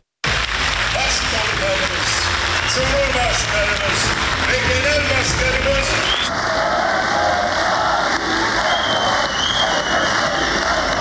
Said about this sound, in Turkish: AK Parti grup toplantısında Başkan Erdoğan'ın sözleri güne damgasını vurmuştu. Ve özellikle o grup toplantısında Erdoğan'ın sözleri dakikalarca ayakta alkışlandı.